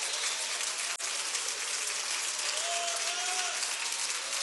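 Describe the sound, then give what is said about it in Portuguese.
An audience applauds steadily, a dense, even wash of many hands clapping that holds at a constant level throughout, with a faint brief whistle-like tone rising partway through. “Pode aplaudir, pode.”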